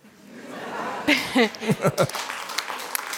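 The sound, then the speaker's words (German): Scattered applause, a soft steady patter of clapping, followed by a few short bursts of chuckling laughter over it. “Kriegst du auch meinen Applaus.”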